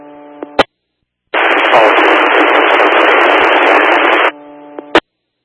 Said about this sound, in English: Hollister is just copying static.